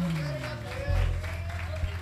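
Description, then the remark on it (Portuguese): An audience applauds the Lord Jesus in a steady, dense wash of clapping that fills the room, with a voice carrying over the top throughout. “Aplauda o Senhor Jesus.”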